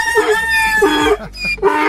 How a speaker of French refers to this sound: Au niveau sonore, on y était. On a eu le coq et après on a eu l'âne.